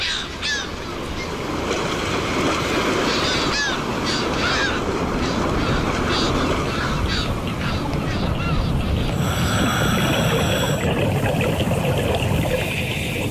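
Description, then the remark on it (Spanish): Harbor ambience at dawn in the port of the island of Cabrera, outdoors: a steady wash of water and low rumble fills the scene while bird calls and caws come and go, with a bright, sustained tonal whine rising briefly near the end. “Al amanecer en el puerto de la isla de Cabrera. Aquí, al aire libre, en nuestro medio, el sonido nos resulta familiar, tranquilizador.”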